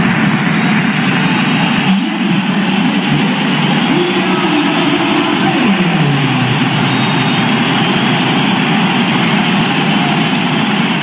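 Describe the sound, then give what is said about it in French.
The crowd at the Bernabéu stadium jeers and whistles without pause as Kylian Mbappé comes on as a substitute, a loud, dense roar of booing with shrill whistles cutting through, and only scattered applause buried beneath it. “On appelle ça une bronca, hein. Il y a assez peu d'applaudissements, bien cachés par les sifflets.”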